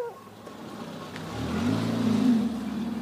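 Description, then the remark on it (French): A car engine revs up and pulls away carrying two people, one of them a child. Its low rumble rises in pitch and grows louder over a few seconds, with no voices. “La voiture repart”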